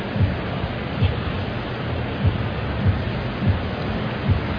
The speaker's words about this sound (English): Myers gets to his feet. That's the reason you hear the ovation from this crowd at American Family Field.